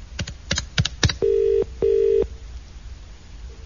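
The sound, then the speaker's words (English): A phone number is punched in to call BT at 11 p.m., with four quick, sharp clicks, followed by two steady electronic ringing tones in a double pulse, then quiet line hiss. No one speaks. “I reckon I could fairly call BT at 11 p.m. on a school night”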